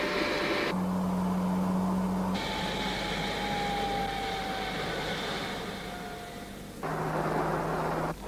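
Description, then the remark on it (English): The 1800 fuel-injected engine of a Vauxhall Belmont SRi car runs steadily throughout, a dense mechanical drone with a low hum and a faint whine that slowly drops in pitch. It stays loud, with no voices. “The new Vauxhall Belmont SRI has an 1800 fuel-injected engine capable of 121 miles per hour.”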